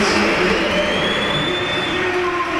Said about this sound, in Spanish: Bueno, yo creo que más aplausos, hay algún que otro pito, pero... Más aplausos para Vini Junior. Es que hay uno que pita muy bien.